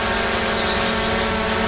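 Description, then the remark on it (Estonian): A drone hovers, its rotors giving a steady, even buzzing whine with a constant hum underneath, holding the same level throughout the short stretch with no voices. “Droon on kodupeegel.”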